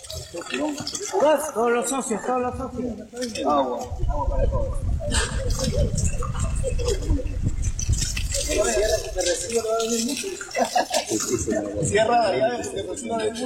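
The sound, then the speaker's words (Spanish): Water gushes and runs steadily for several seconds, a loud rushing sound, at the handover of a community drinking-water project, with people talking before and after it and voices continuing faintly beneath. “Agua. Agua para todos.”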